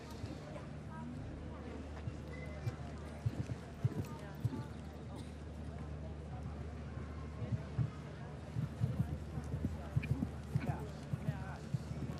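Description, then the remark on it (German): Irregular hoof thuds from a horse ridden by Christian Ahlmann in a show jumping round, the rider dressed in traditional blue with a yellow collar. A low steady hum and crowd murmur sit underneath; a voice talks throughout, while the hoofbeats come through as soft, uneven clip-clops. “Partnerin Julia Melchior reitet er ja auch eingekleidet in diesem traditionellen Blau mit gelbem Kragen.”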